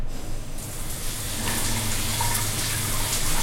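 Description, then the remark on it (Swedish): Steady rushing water from a hot shower spraying, starting abruptly and continuing as a dense, even hiss with a low rumble underneath. No voices. “Men om du slår på en varm, skön dusch, då händer följande.”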